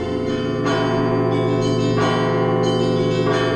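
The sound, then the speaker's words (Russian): Several church bells of the Trinity-Sergius Lavra in Zagorsk, near Moscow, peal loudly together on a winter Sunday morning in 1946, their rich overlapping tones sustaining continuously while fresh strikes land every second or so, with no voices present. “Воскресным зимним утром 1946 года жителей подмосковного Загорска разбудил колокольный звон.”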